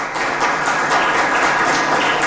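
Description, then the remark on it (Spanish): A church audience claps steadily and loudly throughout for Jesus during a sermon, a dense wash of many hands applauding together with no clear individual beats, sustained for a couple of seconds. “Denle un fuerte aplauso a Jesús.”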